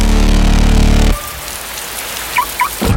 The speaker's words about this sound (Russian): Надоел дождь?